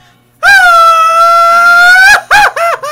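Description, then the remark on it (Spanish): A loud Mexican mariachi-style grito rings out: one long, sustained, high yell held for nearly two seconds, then three quick rising-and-falling whoops in a row. “Mi grito mexicano. Pero no como lo que habíamos platicado, como charro, y nada, hacerlo como aquí como mariachi, para no quemarla, ya sabes, güey, como ebrio.”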